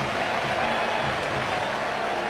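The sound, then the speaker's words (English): A large ballpark crowd at a Cubs baseball game roars and cheers in a steady, sustained wash of noise after Seiya Suzuki scores on an Alex Bregman base hit to left, putting the Cubs ahead 6-1. The noise is loud and continuous throughout, with no distinct voices standing out. “Another run is in. Cubs lead 6-1. Listen to this crowd.”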